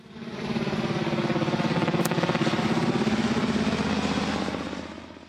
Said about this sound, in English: Chopper. You are very clever. Yeah, helicopter. Another name for helicopter is Chopper